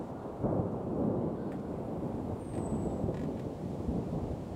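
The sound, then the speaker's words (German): A deep, continuous rumble of distant thunder rolls steadily through the whole stretch, heavy and low, as a thunderstorm with dark clouds approaches a treetop walkway in a leafy deciduous forest. No voices are heard. “Dunkle Gewitterwolken ziehen auf.”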